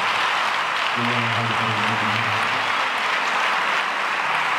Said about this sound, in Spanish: Dele un aplauso al Espíritu Santo.